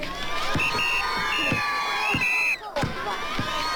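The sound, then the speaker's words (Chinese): Spectators at an army basketball or volleyball match, where Zhu De plays alongside soldiers, cheer, clap and shout continuously, with high whoops rising above the steady roar and a brief lull near the end before the noise swells again. “朱德在球场上和战士们奔跑、抢球、投篮， 你争我夺，引起全场观众阵阵掌声和叫好声。”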